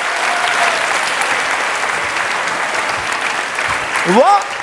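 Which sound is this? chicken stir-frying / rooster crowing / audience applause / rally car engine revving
audience applause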